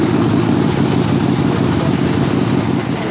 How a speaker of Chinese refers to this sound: 这会儿上摩托车，刚换了个德国零件。